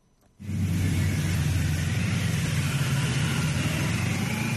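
A motorcade of ceremonial cars carrying July 1 Medal recipients, escorted by a ceremonial motorcycle team, rolls by around 9 a.m. on its way to the Great Hall of the People, its engines suddenly rising into a loud, steady rumble with a deep low drone that holds without pause. No voices.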